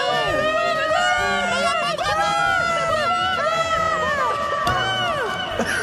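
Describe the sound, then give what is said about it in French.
A dense football match crowd shouts and cheers continuously, many overlapping pitched calls rising and falling, all washed in a heavy reverb added by the broadcast's director, Valère Veillat, that smears the voices into a loud, echoing roar. “Il nous a mis une réverbe là-dessus, Valère.”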